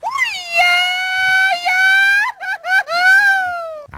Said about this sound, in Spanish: Ándale, acá un más grito de celebración, así como la celebración de fiestas patrias. Así que ahí está, ya lo escuchó, este es el sonido, ¿No serás tú gritando, y dices que es un mariachi? ¿Seguro?